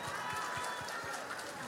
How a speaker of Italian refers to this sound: Che bel applauso, senti.